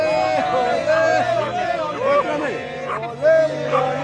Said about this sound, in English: Back at the hotel, the crowd grows. There's a group of Australians who came for the World Cup. There are a couple of Iranian-Americans who came from San Diego